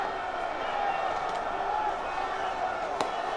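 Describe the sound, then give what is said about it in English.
A dense, roaring crowd at a Premier League trophy parade in North London fills the scene while a couple of sharp bangs from fireworks going off in the sky pop briefly above the steady noise. “there are fireworks going off in the skies of North London. You might be able to hear them above the crowd.”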